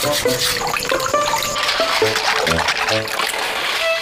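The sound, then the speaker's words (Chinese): Running water splashes steadily while pig snail (猪仔螺) shells clatter and scrape against each other in quick, uneven knocks as they are scrubbed clean of growths and microorganisms, a busy wet scrubbing sound with no talking. “你看有些猪仔螺的话呢，它的壳啊，会长一些寄生这样的啊，就是微生物，所以呢，我们要把它刷干净。”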